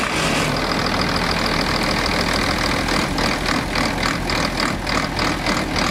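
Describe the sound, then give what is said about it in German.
An old truck engine idles steadily and loudly, a low rough rumble with an uneven, sawing pulse and faint rhythmic clatter running through it; no one speaks. “Jetzt, wenn der so im Standgas läuft, dann sägt der auch richtig schön ein bisschen.”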